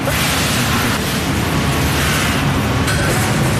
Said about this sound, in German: Es surrt, scheppert und zischt in der Produktionsstätte von Engeltofu zu Wieden.